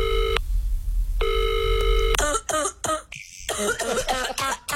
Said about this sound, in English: They don't have to cough in the phone in my ear. Like, just cough away from the phone. Don't cough in my ear.